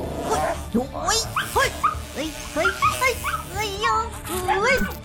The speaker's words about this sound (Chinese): 是那只很凶的野狗